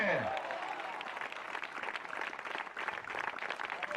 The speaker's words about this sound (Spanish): Denle un fuerte aplauso al Señor en esta hora. ¡A su nombre!